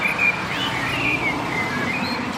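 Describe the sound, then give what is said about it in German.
A black songbird, sitting alone on a fairly bare tree, sings loudly in a steady run of whistled, warbling phrases that rise and dip, heard clearly over a constant broad rumble of street noise as the first cars come. “der singt besonders laut. Der sitzt hier vor mir auf einem recht kahlen Baum, deshalb kann ich ihn erkennen. Ein schwarzer Vogel”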